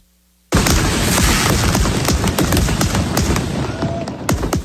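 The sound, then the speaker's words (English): A dense, continuous barrage of fireworks bursting after a sudden start, set off at Bree Stevens Field in Madison, Wisconsin, in a show celebrating America's 250th birthday, with rapid crackling pops and deeper booms overlapping loudly for several seconds, and no one speaking. “Take a look at those fireworks that were set off at Bree Stevens Field last night in Madison.”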